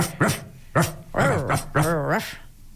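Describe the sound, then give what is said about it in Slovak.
A child's voice imitates a dog, speaking 'dog language' with four quick bark-like yelps, the later ones stretched into wavering growly whines, loud and alone with no talking. “Čiže no, tak poďme to po ja psíkovsky.”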